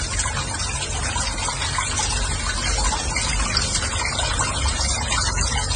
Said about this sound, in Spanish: ¿En sus casas también sale el agua así? Este es el agua que está saliendo aquí en Guadalajara. ¿Así sale el agua en sus casas?